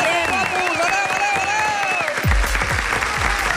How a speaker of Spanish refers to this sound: Guillem Estadella, un fort aplaudiment.